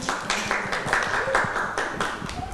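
A group of children clapping their hands in steady applause for a child during a teacher's lesson about brushing teeth, a dense patter of claps that keeps going without a break, with faint voices mixed in underneath.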